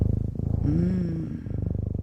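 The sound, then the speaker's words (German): A cat purrs steadily, a low rhythmic rumble pulsing in even beats throughout, briefly overlaid by a soft tonal vocal-like murmur in the middle. “Also ich weiß ja nicht, wie es euch geht, aber oh, das ist schon sehr beruhigend hier, dieses Schnurren im Hintergrund.”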